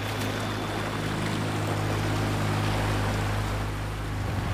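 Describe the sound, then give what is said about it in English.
Boats, including filming boats, push on into thicker sea ice, a steady low engine drone with a constant rush of water and grinding texture, loud, with no voices. “We push on into thicker sea ice, and the filming boats follow.”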